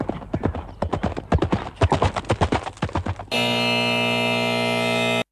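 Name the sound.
horse hooves galloping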